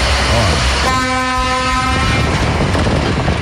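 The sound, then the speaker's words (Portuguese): A loud horn from Walter's old truck blares in one sustained blast lasting about a second at 5:45, as he heads to Malé. It rises over a steady rumbling engine and background noise that continues after the horn stops. “E o Walter já acordou os vizinhos aí com o caminhão, é? Já funcionou o bruto velho, rala Walter velho.”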